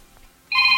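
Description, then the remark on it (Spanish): After a near-silent moment, a single loud electronic telephone keypad tone, from dialing 92.9 on a phone to start a game, starts abruptly and holds steady, a bright beeping pitch that continues to the end with no talking. “Pícale a tu teléfono 92.9. Es para que inicie el juego.”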